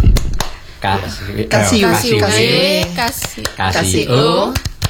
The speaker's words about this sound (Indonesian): Ini tepuknya ini kalau seperti ini tepuk WOW. Gimana? Gimana tuh kayak tepuk WOW?